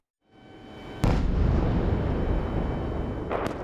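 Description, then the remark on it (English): A deep, rumbling blast from a Russian missile and drone attack on Kyiv, Ukraine, erupts suddenly and rolls on with a sustained low roar as Ukrainian air defense fights back, then a second sharp explosion cracks near the end, both loud and heavy with no voices. “Waves upon waves of Russian missiles and drones relentlessly target the city.”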